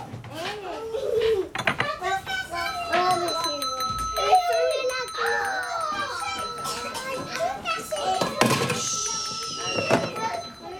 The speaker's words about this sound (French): Alors je vais sonner la cloche.